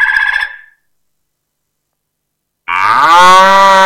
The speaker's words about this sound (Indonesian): Hewan itu lumayan gemuk, dagingnya banyak, serta menghasilkan susu yang bisa kita minum. Ada yang tahu? Yap, betul. hewan itu adalah sapi.